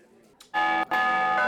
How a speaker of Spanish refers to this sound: Son los tradicionales toques de campana de distintas regiones de España. Cada año se reúnen en Meruelo, en Cantabria, para mantener vivo este patrimonio cultural y darlo a conocer a las nuevas generaciones.